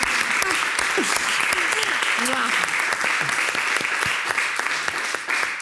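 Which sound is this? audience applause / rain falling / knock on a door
audience applause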